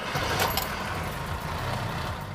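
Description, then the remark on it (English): The engine of a Mercedes-Benz W123 built in East London, South Africa, catches on a single turn of the key and keeps running with a loud, steady rumble, no voices present. “You hit the key once and it's that. Listen to the sound.”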